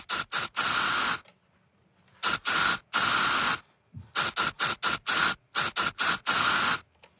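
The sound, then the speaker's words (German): Bursts of deodorant spray hiss out in a rhythmic pattern playing a song as a guessing puzzle, short and long sprays alternating like a beat, loud, with brief quiet gaps between them and no talking. “Ich glaube, ich habe euren Deo-Song erkannt.”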